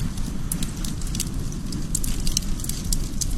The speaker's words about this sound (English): Sometimes you need a flamethrower. While other times, a nice campfire will do.